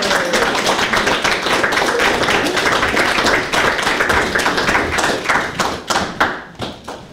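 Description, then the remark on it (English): An audience at a reading applauds a reader steadily, a dense wash of many hands clapping at once that holds loud and even before thinning into a few scattered claps at the end. “Please clap for not Leah”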